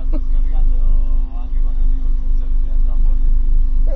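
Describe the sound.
A boat's engines drone steadily at sea throughout, a constant low rumble with a humming tone on top, while voices talk over the noise.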